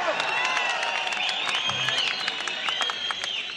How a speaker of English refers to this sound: There have been some very rude people here in the front yelling for a song